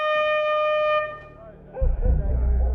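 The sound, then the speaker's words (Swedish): A loud, sustained horn blast holds steady for about a second, then fades into murky background noise before a burst of rumbling, bustling commotion. “Och allt tutande.”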